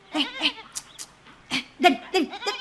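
Goats bleat in a string of short, quavering calls, about half a dozen spaced unevenly over a few seconds, moderately loud, with no talking, as they are being herded along to graze on grass.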